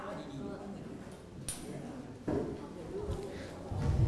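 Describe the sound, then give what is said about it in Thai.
A group of students in a classroom claps for a classmate's answer in a loose, uneven patter that swells partway through, with voices chattering underneath the applause. “โอเคปรบมือเพื่อนหน่อยครับ”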